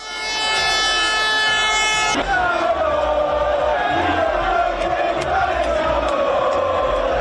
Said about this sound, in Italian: Circa 400.000 tifosi hanno accompagnato nella notte per le vie di Milano la sfilata del pullman dei giocatori in festa.